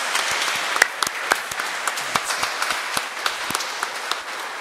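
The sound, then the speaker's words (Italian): An audience applauds Padre Gianni, a new priest of the Church of Ragusa, with steady applause: a dense wash of many hands clapping with sharp individual claps popping out irregularly, sustained at an even level throughout with no talking. “Quindi facciamo un applauso a Padre Gianni.”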